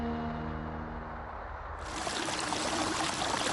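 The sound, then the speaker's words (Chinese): Steady rushing of a flowing stream under a small bridge in Songzhuang Village, Songyang County, China, fairly loud, growing brighter and fuller partway through, with a faint low hum beneath the water at the start. “离水松阳县松庄村，泥墙青瓦，小桥流水，原始古朴。”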